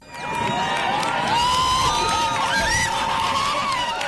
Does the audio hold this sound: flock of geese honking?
no